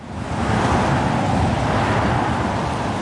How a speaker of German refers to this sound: Der Kreisverkehr Stahnsdorf-Waldschenke. Ohne Pause fahren Autos hier entlang. Direkt daneben der Busbahnhof.